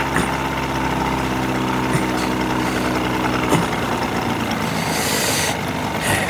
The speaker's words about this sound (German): näherte sich dem Dreimaster bis auf 50 Yards und drosselte den Motor.